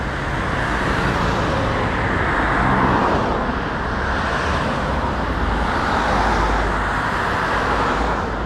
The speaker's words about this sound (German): Erstmal aber überqueren wir die vierspurige Frankfurter Allee, die den Kiez durchschneidet. Auf der anderen Seite der durchrauschenden Autos wartet auf uns der kommunale Bürokratie-Dschungel.